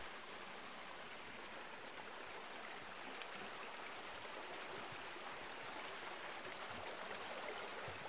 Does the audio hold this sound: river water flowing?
yes